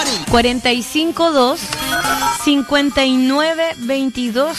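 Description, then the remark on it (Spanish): A phone rings with a loud, melodic ringtone, a voice-like tune of rising and falling notes that plays continuously for several seconds, clear, as the phone is tested to see if it works. “Pero, ¿ustedes me ayudarían a probar si el teléfono funciona?”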